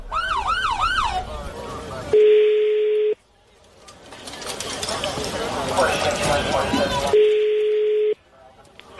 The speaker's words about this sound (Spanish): Sí, no, pero que escuche la patrulla.